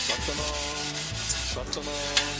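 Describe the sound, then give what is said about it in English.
Steady scrubbing of dishes, a continuous close rubbing scrape with brief sharper clinks, running for a couple of seconds over a faint tonal hum, with no one talking. “Washed the dishes.”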